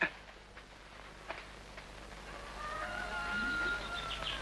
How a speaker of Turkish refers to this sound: horozlar öttü, kalk!